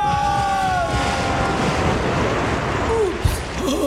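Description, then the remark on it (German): A huge splash of water, from a heavy woman jumping in from 10 metres up, surges into a loud, steady rushing roar like a flood wave sweeping past, with faint high cries rising over the noise near the start and end. “…, das nein. gibt eine Flutwelle.”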